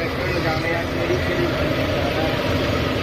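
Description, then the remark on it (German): Tractors drive along a beach on an island at about 7 a.m., preparing the sand, a steady, fairly loud diesel drone with a low throbbing hum that holds constant throughout. “Jetzt um diese Uhrzeit fahren nämlich schon die Traktoren den Strand entlang.”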